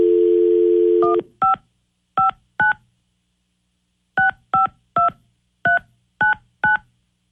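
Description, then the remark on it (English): A steady telephone dial tone cuts off, then about ten crisp touch-tone beeps follow in two bursts with a pause between, each short two-note tone sharp, no voices; a phone call being dialed on radio station 102.5 KDON during its War of the Roses segment. “Now we got to get Scotty on the phone.”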